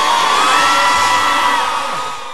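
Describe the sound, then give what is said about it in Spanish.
A loud, dense wash of crowd applause and cheering fills the whole moment, with a few high whoops or whistles riding on top, steady throughout and easing slightly near the end. “El aplauso, un aplauso”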